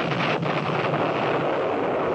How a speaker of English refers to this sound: At noon, Major Shear just finished blockading the entrance of the pass when we heard the first explosion far along the valley leading north.